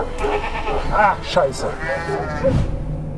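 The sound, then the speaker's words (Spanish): A ram bleats several times in quick succession, loud, each cry a wavering, quavering call over a steady rumble of background noise. “Este carnero es el ejemplo perfecto de que hay quienes muerden la mano que te da de comer.”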